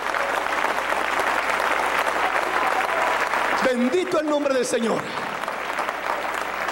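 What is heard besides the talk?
audience clapping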